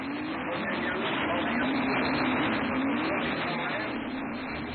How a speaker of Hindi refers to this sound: अरे धीरे स्कूटर, धीरे चलाओ ना।